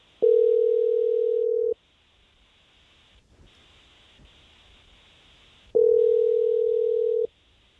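Telephone ringback tone heard over a phone line as a radio morning show calls someone live on air: two long, steady electronic rings about four seconds apart, clear and loud, with faint line hiss in between and no voices.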